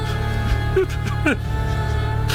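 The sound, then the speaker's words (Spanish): A man, an archaeologist huddled in a corner of a crypt, cries softly, with two short whimpering sobs whose pitch wavers and slides, heard over a steady low droning hum. “Parece un llanto.”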